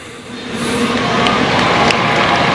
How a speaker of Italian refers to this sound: Pensiamo a quanti da tutto il mondo arrivano anche per vivere questo momento. E sentiamo l'applauso, ora ascoltiamo Papa Leone.